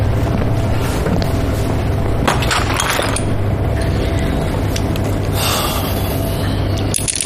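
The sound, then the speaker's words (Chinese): An engine idles on the ground at a fairly high, steady speed of about 1800, producing a loud continuous low drone with a constant hum. Brief airy rushes of wind noise pass over it a couple of times. “我觉得怠速有点高， 地面1800不高吧？”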